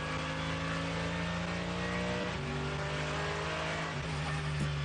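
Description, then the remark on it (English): A race car engine drones loudly and steadily on a lap in the dark, its pitch dipping twice as the driver lifts and dabs the throttle because the front tyres have no heat. No voices are heard. “Just a dab of throttle and then off again, because he's got no heat in the front tyres here.”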